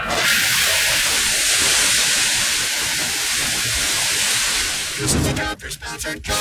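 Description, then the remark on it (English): A burst water main under heavy pressure, patched with three layers of duct tape, sprays with a loud, steady, pressurized hiss for about five seconds, forceful, then sputters and breaks up into uneven gushes. “Hey, this water main is under a ton of pressure. Did you ever fix it? Yeah, 3 layers of duct tape.”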